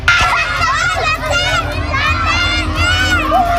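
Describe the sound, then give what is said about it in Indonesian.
Loud, chaotic crowd of panicked residents shouting and crying out for help during a large fire at an orphanage building in Kudus, Central Java, Indonesia, on a Tuesday midday, with children's voices among them and constant background commotion throughout. “Kebakaran menimbulkan kepanikan warga yang berteriak minta tolong.”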